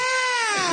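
A single loud, drawn-out cat meow with a steady, whiny pitch that bends downward at the end, heard alone with no talking.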